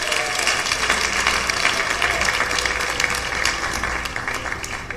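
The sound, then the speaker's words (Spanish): A crowd applauds the Lord steadily in the afternoon, with many hands clapping together in a dense, continuous wash of sound that holds at a fairly loud level for several seconds. “¿Cuántos le pueden dar palmas al Señor esta tarde?”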